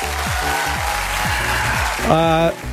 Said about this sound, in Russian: Понятно, отлично, молодец. Я тебя поздравляю, еще раз аплодисменты.